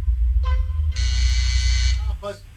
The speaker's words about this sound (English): Buzzer went off.